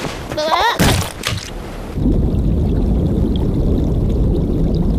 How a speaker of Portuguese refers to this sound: Desliga o chuveiro. Acabou o banho